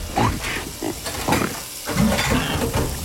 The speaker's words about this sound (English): here's a pig doing the dishes.